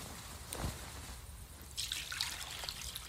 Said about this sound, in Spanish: Luego echó agua en una vasija y comenzó a lavar los pies de los discípulos y a secárselos con la toalla que tenía ceñida.